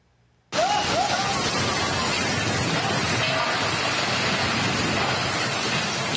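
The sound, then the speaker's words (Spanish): After a brief moment of near-silence, a torrential downpour abruptly fills the scene in Fujian province, China, as a three-story house collapses during the storm after Typhoon Saudel; a dense, steady roar of heavy rain stays loud and unbroken throughout. “Una casa de 3 pisos se desplomó en medio de una tormenta.”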